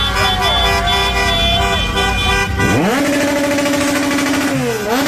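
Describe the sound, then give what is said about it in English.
Loud, overlapping car horns blare almost continuously outside a hotel where Ecuador's soccer players are staying, their pitches shifting and stacking, with the rumble of people revving their car engines and street commotion underneath. “Revving the engines of their cars. Everybody's honking outside the hotel.”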